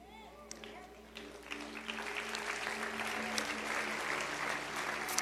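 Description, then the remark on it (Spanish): An audience claps steadily, the dense patter of many hands building and holding for several seconds, with a low sustained tone and faint murmuring underneath. “Tú aplaudes, pero si tú hubieses escuchado esto, no hubieses aplaudido.”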